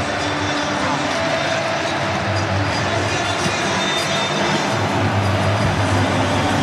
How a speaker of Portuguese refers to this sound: Olha que festa. O barulho aqui no estádio é ensurdecedor. Torcida brasileira faz uma festa incrível.